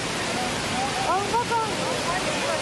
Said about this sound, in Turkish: Kavurucu sıcakların ardından gökyüzünü yağmur bulutları kapladı. Bir anda bastıran sağanak İstanbullulara zor anlar yaşattı.